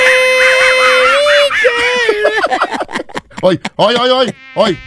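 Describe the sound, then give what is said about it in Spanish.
A person sings in a high, thin voice with wavering, nasal tones that mimic a mosquito's whine, sliding up and down in pitch before breaking into choppy, bouncing vocal bursts. “¿Quién es un zancudo? Soy yo cantando.”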